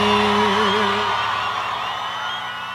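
A crowd cheers loudly, with a high, wavering whoop rising over the din in the first second before the roar of voices sustains and slowly eases off.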